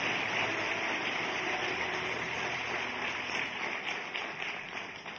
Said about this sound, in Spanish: Alguien que le dé un aplauso al Señor por eso. Es que es tremendo.